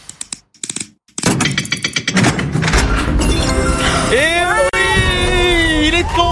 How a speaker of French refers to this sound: On écoute les verrous.